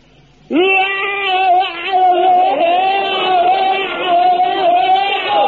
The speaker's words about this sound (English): Now, when it comes to bayonet drill, very important thing to remember is your scream. Now, the scream is the thing that really puts the wind up the enemy. Now, you fill your lungs up with the air and let it out like this.